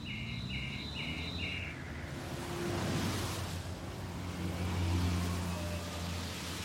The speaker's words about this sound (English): I can lie in bed at night and I can hear the swooshing of cars along the street at 2 or 3 in the morning, like that. And it's a very calming sound. It's just a really kind of calming sound to hear it, and it just comes and it goes,